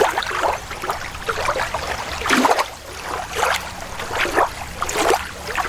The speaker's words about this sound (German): wir beamen uns jetzt mal kurz schön an einen Sommertag am See.